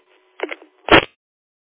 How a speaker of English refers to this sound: It's a Roger beep.